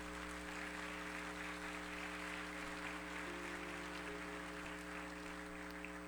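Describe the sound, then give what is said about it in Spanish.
An audience applauds the Lord in a steady, sustained wash of clapping for several seconds, fairly soft overall, with a constant low droning tone underneath and no talking. “Vamos, aplauda al Señor.”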